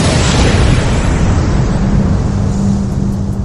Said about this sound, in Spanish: Hace 14000 millones de años comenzó el mundo conocido. Fue la gran explosión cuando reventó el huevo cósmico del que nació todo lo que existe.